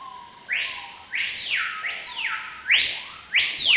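A small, hard-to-see Amazonian rainforest bird that lives only in the Amazon sings a run of loud, clear whistled notes, each sweeping sharply up and gliding back down, about six in quick succession over a soft steady background, with no voices.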